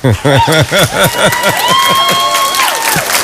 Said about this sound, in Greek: Εντάξει, stop. Δεν ξέρω γιατί χειροκροτούμε, αλλά ναι.